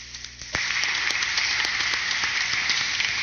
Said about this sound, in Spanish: Fuerte el aplauso.